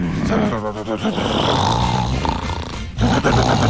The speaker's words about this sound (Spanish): No, ese es mi papá. ¿Su papá ronca así? No, mi papá ronca horrible.